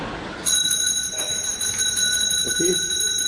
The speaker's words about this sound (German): Es läutet. Da kann ich Sie beruhigen, Herr Direktor. Das liegt nur daran, dass wir eine Glocke haben. Das ist nichts Besonderes.